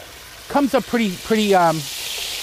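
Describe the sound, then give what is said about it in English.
About five or six fish fillets fry in a pan, starting to fall apart, with a steady, even sizzling hiss throughout. Partway through, a few short, pitched vocal sounds rise over the sizzle, then fade back to the frying. “I'm going to put about five or six fillets in there. As soon as you put them in, they start to fall apart.”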